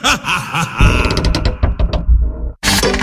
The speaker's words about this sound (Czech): s tou vrzající podlahou a dveřmi tě slyší i sousedi.